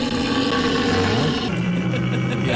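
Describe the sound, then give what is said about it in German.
A deep, drawn-out roar rumbles continuously, loud, with a guttural low tone that shifts in pitch partway through: a stag (deer, not a bear) bellowing during the rut. “Die Beamten am Telefon haben dann aber durch den Hörer erkannt, das sind keine Bären, das sind Hirsche.”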